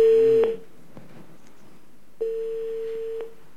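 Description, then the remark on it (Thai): A telephone line ringing tone for the last call of the night on the EFM Fandom Live radio call-in show: a steady, mid-low electronic hum that cuts off, pauses for over a second, then sounds again for about a second, with faint clicks at the cutoffs. “สายสุดท้ายของคืนนี้ค่ะ”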